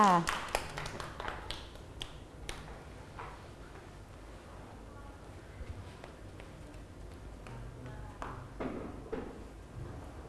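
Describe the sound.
Children in a class clap for a classmate's rainbow made of modeling clay, in a quick, uneven burst at the start. Scattered single claps and taps carry on over a murmur of young voices, then a few louder claps near the end.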